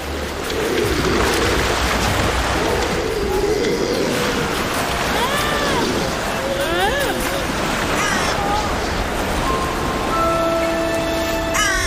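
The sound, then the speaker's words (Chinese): Crows caw several times in harsh, scattered calls over a steady, loud roar of surf and wind, with a few other bird cries mixed in toward the end, around a grey seal mother and her newborn pup. “这位灰海豹母亲没有时间休息，稍不留神，乌鸦和海鸥就有可能对幼崽构成威胁。”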